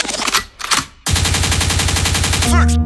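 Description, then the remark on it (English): A gunshot sound effect on Real 95.9 radio in Youngstown: a couple of sharp, loud blasts are followed by a long, rapid burst of automatic gunfire, evenly spaced shots rattling continuously for nearly two seconds before a tonal sting cuts in. “Lakewood means rewind, the gunshot means forward.”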